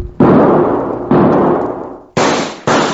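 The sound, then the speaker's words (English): Four loud carbine rifle shots ring out, each followed by a long echoing decay; the first two are spaced apart, the last two come in quick succession. No one speaks. “Come on, get that carbine out of your saddle boot and use it.”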